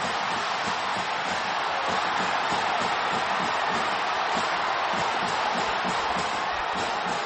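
A stadium crowd at Michigan Stadium roars and cheers after J.J. Buchanan's third-down touchdown catch in the end zone for the Broncos, a loud, dense, unbroken wall of voices that holds steady for several seconds with no one speaking over it.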